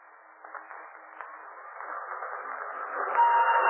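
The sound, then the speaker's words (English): A train pulls out of a station on the first run of its line, its muffled mechanical rumble building steadily louder over a few seconds, with a few faint clicks early on and a thin whistle-like tone rising near the end. “And finally, the first train pulled out.”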